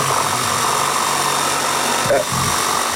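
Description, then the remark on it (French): Construction work with power tools behind a caller on a phone line: a loud, steady, grinding whine with a buzzing hum underneath, droning without pause for the whole stretch and wavering briefly just before the end. “Il y a des travaux ou quelque chose derrière vous, je pense.”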